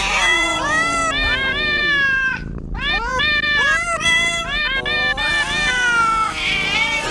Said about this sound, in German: Also Katzen miauen jetzt einen Cat's Eye Song. Und ihr müsst uns sagen, welcher das ist.